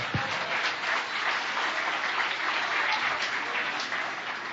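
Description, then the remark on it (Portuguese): A church audience applauds steadily in praise of the Lord Jesus before a children's performance, a dense, even wash of many hands clapping at once with no pause. No one speaks over it. “As palmas louvam ao Senhor Jesus.”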